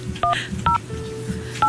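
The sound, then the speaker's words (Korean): Three short, loud dual-pitched telephone keypad dialing tones beep at uneven intervals over a low background hum, each beep lasting a fraction of a second, as a call is placed to a listener during a Far East Broadcasting radio program. “시간이 얼마 남지 않았지만 전화를 한번 해볼게요.”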